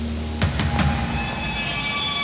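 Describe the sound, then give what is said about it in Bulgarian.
Steady rain hisses continuously, with a few louder splashes or taps early on. It plays alone at a moderate level, with no voices. “Вали.”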